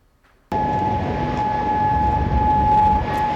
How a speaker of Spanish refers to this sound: Las sirenas se han escuchado en Kuwait y en Bahrein. El régimen de los ayatolás responde a los últimos bombardeos de Estados Unidos.